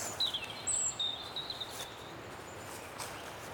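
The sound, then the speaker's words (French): Thin, high bird chirps and short whistled notes sound over a steady outdoor hiss, fairly faint and scattered through the first half, with no voices. “chantent les oiseaux.”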